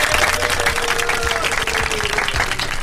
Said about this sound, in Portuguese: Hoje é o dia das crianças e dia de Nossa Senhora Aparecida. Nós pedimos licença a todas as outras pessoas e outros credos religiosos, né? Para festejar aí uma salva de palmas para Nossa Senhora Aparecida, para os católicos, né?